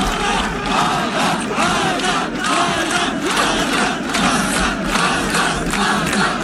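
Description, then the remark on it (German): A large crowd at the finish line in Santa Monica cheers a 28-year-old runner finishing his run, shouting loudly without pause, a dense, roaring wall of voices with excited yells rising and falling throughout. “Am Ziel in Santa Monica wurde er frenetisch gefeiert.”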